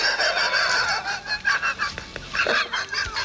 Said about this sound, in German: Wer ist jetzt Agathe, Ihre Frau? Nein, Agathe ist ein Zuchthuhn, ich bin Geflügelzüchter.